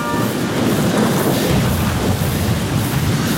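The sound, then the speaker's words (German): Heavy, steady rain roars with a deep rumble of thunder rolling underneath from a sudden thunderstorm directly overhead, a dense continuous wash of noise with no voices. “Das Gewitter ist jetzt genau über uns.”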